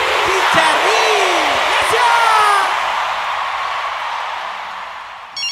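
Loud crowd applause and cheering, dense clapping with whoops and shouts rising over it, steady for several seconds before gradually thinning out.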